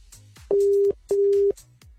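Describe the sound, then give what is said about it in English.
A telephone ringback tone during an outgoing call to a prize winner sounds one double ring: two steady, moderately loud electronic tones, each about half a second long, separated by a short gap, over faint background noise. “You better answer your phone now, or I'm moving on.”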